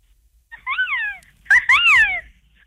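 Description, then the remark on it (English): Two high, wavering cries of a harpy eagle, the first thinner and rising then falling, the second louder with a sharp, raspy start before sliding down, with no talking. “The Harvey Eagle.”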